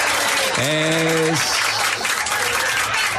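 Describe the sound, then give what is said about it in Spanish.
Steady, dense applause from the audience of the Noticiero Matinal news show fills the whole stretch, with a brief low, droning moo-like tone rising over it early on before the clapping carries on alone. “Aplaudan y no dejen de aplaudir.”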